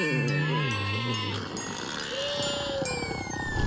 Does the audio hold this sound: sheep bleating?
yes